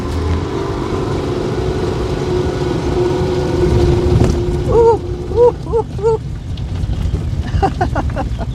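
Wind buffets the microphone in a constant low, blustery rumble during a bike ride on a fine, sunny day, with short bursts of voices rising over it toward the end.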